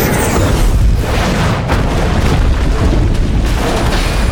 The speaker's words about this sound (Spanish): Disparo. Me dieron. Daño en babor.